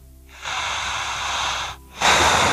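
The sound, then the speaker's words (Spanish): A long, steady, airy breath pushed out through the mouth only during a guided breathing exercise, followed after a brief pause by a second louder breath that begins and is cut short. No talking. “Sale el aire solamente por la boca, igual que yo.”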